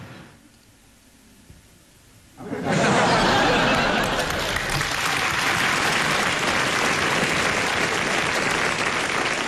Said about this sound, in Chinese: 谁鼓掌了？